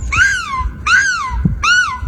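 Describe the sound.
A human voice imitates a seagull's scream at a European Championship in seagull screaming, by a contestant dressed as a seagull: three loud, harmonic calls, each sliding down in pitch, repeated in a steady rhythm with brief gaps between.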